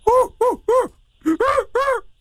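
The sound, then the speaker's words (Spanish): A voice imitates an orangutan with six loud, hoarse hooting calls, each rising then falling in pitch, delivered as a quick burst of three, a short pause, then three more. “¡Ahí está el orangután!”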